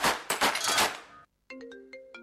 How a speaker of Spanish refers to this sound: Suena el teléfono. Te dicen que es urgente.